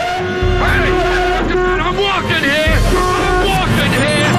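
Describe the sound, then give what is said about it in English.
Horns of several cars queued behind a driver blare over one another in steady, overlapping honks, loud, with a low engine rumble and busy street noise underneath. “Well, cars behind him are honking.”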